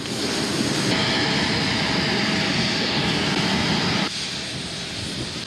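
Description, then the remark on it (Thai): A loud, steady roar of the jet engines of a Thai Airways royal aircraft, flight TG8887, departing Toulouse-Blagnac Airport, France, runs throughout, broad-sounding, easing slightly toward the end with no voices. “จากนั้นเสด็จพระราชดำเนินโดยเครื่องบินพระที่นั่งของบริษัทการบินไทยจำกัดมหาชนเที่ยวบินที่ TG8887 ออกจากท่าอากาศยานตูลูสบลันยัก”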